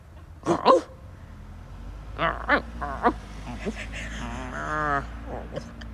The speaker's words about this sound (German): Also er darf jetzt kurz schweigen. Oder das ist das kurz bellen? Ja, aber bellt er nicht.